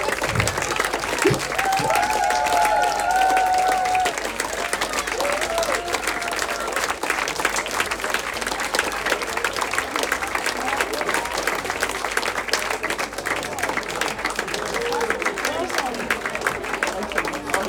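Sustained applause from a large crowd, dense and steady for the whole stretch, with a few brief cheers or whistles rising early on.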